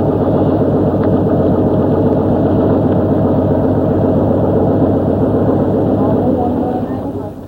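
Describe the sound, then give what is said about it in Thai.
A small fishing boat's 30-horsepower outboard engine runs with a loud, steady, throbbing drone that stays constant throughout and dips slightly in volume at the very end. “ชาวประมงหลายคนละทิ้งเครื่องมือประมงเก่าๆแล้วหันมาใช้อุปกรณ์ที่ทันสมัยมากขึ้นเรือลำเล็กที่ติดเครื่องยนต์ขนาด30แรงม้าถูกนำมาใช้แทนแรงงานคน”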